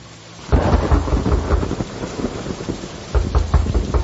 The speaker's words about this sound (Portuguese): Com essa chuva eu vou ter que abrir a porta!